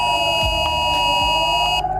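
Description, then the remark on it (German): A loud, steady electronic emergency alert tone from many mobile phones blares continuously in Norderstedt, Germany, layered harsh pitches sustained without pause, as an emergency warning signal sounds. “Alle Handys sendeten einen Warnton.”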